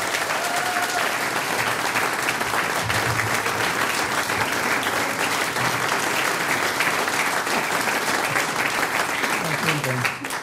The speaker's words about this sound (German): Der nächste Applaus geht an ….